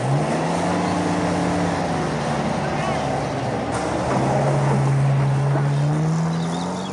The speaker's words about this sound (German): Der Geländewagen donnert über die schnurgerade, aber wellige, staubrote Piste.